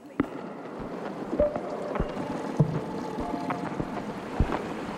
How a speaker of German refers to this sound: Der römische Gott der Meere lässt sich in einem germanischen Boot über den großen Müllroser See schippern.